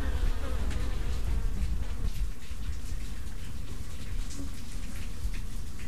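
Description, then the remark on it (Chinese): A dense, continuous hum of many bees buzzing around a hive in a cupboard with four holes drilled in it, the bees coming and going freely, steady and full throughout, with scattered individual insects zipping past and no voices. “还刻意在碗橱上钻了四个孔，但是蜜蜂们似乎还是喜欢这样自由的往来。”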